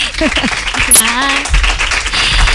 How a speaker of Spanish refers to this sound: ¡Un aplauso para ella!